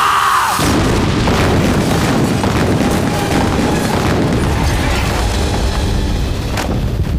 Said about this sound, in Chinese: 外面怎么回事？怎么有爆炸和枪声？ 松井军，有人炸了兵营门口，还想冲进来。